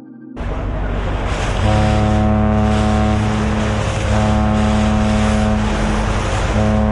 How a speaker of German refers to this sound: Ein Frachtschiff auf dem Weg nach Basel. Normalerweise liegt es tief im Wasser. Voll beladen mit Container, Getreide oder Treibstoff.